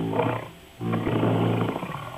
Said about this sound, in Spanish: Y se oye muy, muy cañón eso. Como un gruñido.